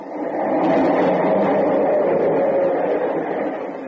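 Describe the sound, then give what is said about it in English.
A loud, sustained low rumble with a steady roar for several seconds from a subway train passing right under the dwelling, swelling in and tapering slightly at the end. “The subway. It's right under it.”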